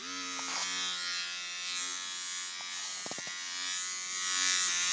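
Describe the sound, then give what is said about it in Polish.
A small, inexpensive women's electric shaver runs steadily, giving a continuous high-pitched buzzing whir with a few brief clicks and shifts in tone as it moves, with no talking. “Teraz zaprezentuję jej dźwięk, tejże golarki, jak ona działa.”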